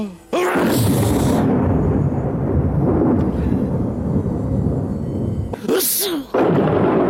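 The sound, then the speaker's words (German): Loud thunder rolls and rumbles for several seconds, opening with a sharp crack and breaking into another crackling burst near the end before the deep rumble continues. “Sehr lustig auch, wenn Zeus niest, dann hört selbst, donnert's auf der Erde.”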